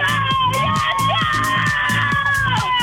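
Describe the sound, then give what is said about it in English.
A small group, a caller with a sister, best friend and niece, screams and cheers nonstop over a phone line to the Liveline radio show to get a song played, loud and excited. Overlapping voices keep shouting together with a rhythmic pulse running under the noise. “All right, you're going to have to scream really loud and get real crazy, otherwise I'm not going to get excited enough to want to play it.”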